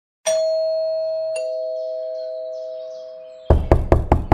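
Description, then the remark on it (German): A two-tone doorbell chimes and rings out for a few seconds, then several firm knocks rap on a door in quick succession. No one speaks. “Bitte öffne die Tür. Wir wissen genau, dass du da bist.”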